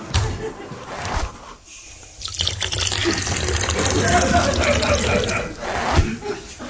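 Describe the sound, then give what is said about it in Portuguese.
A person urinates: a steady stream of liquid splashes into water, briefly faltering near the start before running continuously and fairly loudly for several seconds. “As respostas, depois de um curto intervalo, para eu urinar.”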